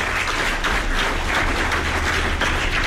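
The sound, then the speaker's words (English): A crowd gives a round of applause for the city of Evansville, a dense wash of many hands clapping at once, loud and sustained throughout with no voices rising above it. “Give the city of Evansville a round of applause.”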